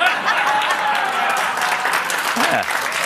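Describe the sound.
A crowd applauds steadily, dense clapping at an even, sustained level throughout with a faint voice or cheer rising briefly near the end.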